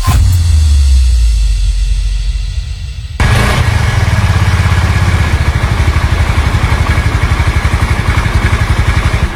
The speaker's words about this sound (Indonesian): Gagah bener, motor baru bro. Mewah banget lagi kelihatannya. Jelas bro, Honda Vario 125. Desain menarik dengan garis tegas, beda sama yang lain. Kuat buat mudik jauh sama naik tanjakan gak bro? Aman, mesinnya SOHC, single overhead camshaft.